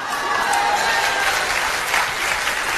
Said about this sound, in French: Là, les applaudissements se font un peu moins retentissants.